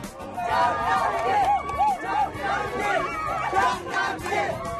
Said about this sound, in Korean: 축제가 막을 올렸습니다. 기대만큼이나 열정적인 함성.